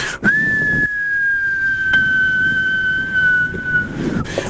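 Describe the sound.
A voice imitates an avalanche warning siren with one long, steady high whistle that holds nearly the same pitch, drifting slightly lower, for about three and a half seconds over soft background noise.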